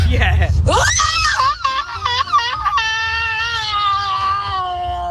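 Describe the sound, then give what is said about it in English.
A loud, anguished human scream that rises sharply, wavers and breaks in the middle, then holds a long, strained, despairing wail that slowly fades over several seconds. “A lot of despair in that one. That's also amazing. I know. That's a 6 car pile up scream.”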